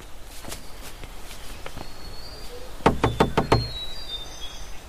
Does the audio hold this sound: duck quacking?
no